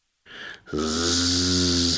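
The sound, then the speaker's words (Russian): A child imitates a kamikaze drone with her voice: a short breathy rush, then a loud, steady, buzzing drone held for over a second at an even low pitch. “очень наглядно изображает дрон «Камикадзе».”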